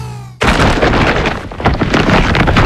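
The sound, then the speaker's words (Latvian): An IKEA shopping bag full of clearance-sale goods rustles and crinkles loudly and continuously, bursting in abruptly after a brief quiet tonal hum, with no voices present. “Tā skan IKEA iepirkuma maisa ar izpirkšanas precēm.”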